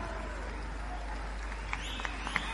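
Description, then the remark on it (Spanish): An audience claps steadily, a dense wash of applause from a crowd, with a few sharper claps or shouts popping out near the end. “Fuertes aplausos”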